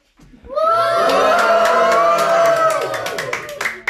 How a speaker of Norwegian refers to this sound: Ja, slik høres det inn I klasserommet til 5B på Kolmyr skole I Skien. Det jubel, det klapping, og alle står her med diplomer der det står vinnere.